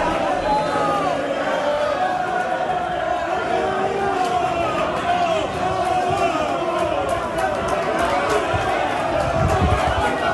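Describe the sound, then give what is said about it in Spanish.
A dense, loud crowd of Málaga fans roars continuously for about ten seconds as they welcome their team arriving at the hotel in Las Palmas, Gran Canaria. Overlapping shouts and chants of "Sí se puede" ride over a steady wash of cheering noise that never lets up. “Así ha sido recibido el Málaga a la llegada del hotel de Las Palmas.”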